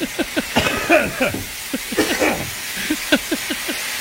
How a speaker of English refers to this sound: Oh, my God. Listen to the... you can hear the water just slowly filling up. We've got a leak. Yep. It's just pouring.